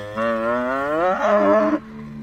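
A cow on a village pasture lets out one long, loud moo, its rich tone rising partway through before cutting off, leaving a faint low background hum.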